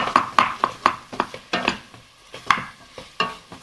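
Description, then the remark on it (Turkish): Chopped onion is scraped into a cooking pot while making soup, with a series of quick scraping and stirring strokes in an irregular rhythm over a faint sizzle. “Soğanımı da ilave ediyorum.”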